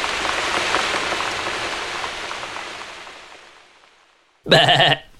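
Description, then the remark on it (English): Steady rain patters and slowly fades away, then a single loud, brief bleat rings out, a person mimicking a sheep or goat cry, with no talking. “I'm making animal noises.”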